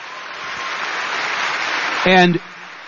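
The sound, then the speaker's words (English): Steady, dense clapping from an audience holds at an even level for about two seconds, then a voice briefly cuts in as the applause fades. “And like just now, there was applause”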